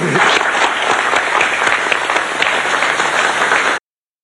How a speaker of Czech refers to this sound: Tak já myslím, že si zasloužilo potlesk.